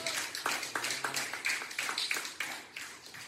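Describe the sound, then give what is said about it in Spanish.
A church audience applauds in praise to the Lord during a Bible study, a dense run of sharp, overlapping hand claps keeping up a steady rhythm for a few seconds with no voices on top. “Denle un aplauso de gloria al Señor.”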